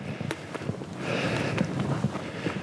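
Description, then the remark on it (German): Footsteps crunch along a mountain ridge at an uneven pace, a series of short, dull scuffs over a steady, breathy background hiss of whistling wind. No one speaks. “Ich laufe hier auf dem Grat.”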